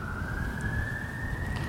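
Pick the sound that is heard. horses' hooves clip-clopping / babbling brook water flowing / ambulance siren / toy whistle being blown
ambulance siren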